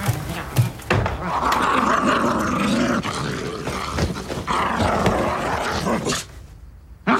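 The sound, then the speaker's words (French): A person growls and barks like a dog in a sustained, rough imitation lasting several seconds, with brief pauses between snarling bursts before it cuts off. “t'es plus un chien. Tu le vois bien que t'es plus à quatre pattes, que tu peux plus te lécher les couilles, tout ça, tu le vois bien.”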